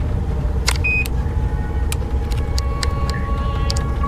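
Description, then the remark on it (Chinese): Steady low rumble of a small car driving along, engine and road noise filling the background evenly, with a few faint clicks and rattles from inside the cabin and no one talking. “咱这小车稳当得很，是吧？”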